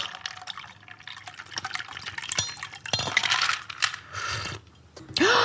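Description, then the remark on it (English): A shaken cocktail with coconut vanilla syrup splashes and trickles into a cocktail glass for several seconds, with bright clinks of ice or glass throughout, ending in a sharper pour. No one speaks. “And then you're going to pour into your cocktail glass, and we're going to garnish this with mint and rose petals.”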